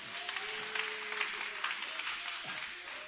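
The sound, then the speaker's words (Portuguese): A church audience joyfully claps hands for Jesus in a steady, dense wash of applause lasting throughout, with a faint sustained tone and murmuring voices beneath the clapping. “A igreja bate as palmas bem alegre para Jesus, aleluia.”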